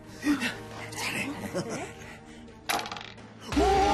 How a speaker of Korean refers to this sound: 그렇다면 주사위를 던져주세요.